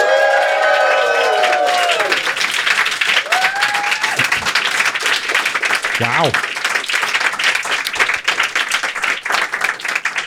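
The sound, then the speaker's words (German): A studio audience of about 50 people at the Gold- und Gewitterstudio in Böhlitz-Ehrenberg breaks into loud, sustained applause with cheers and whoops, dense clapping running the whole ten seconds while a few voices shout over it. “Kann ich das Publikum einmal hören? Seid ihr da?”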